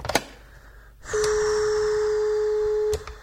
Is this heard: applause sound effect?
no